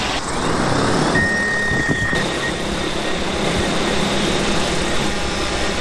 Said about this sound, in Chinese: 秋收之后，甘霖镇的承包大户丁建第一时间利用无人机播种，准备轮作油菜。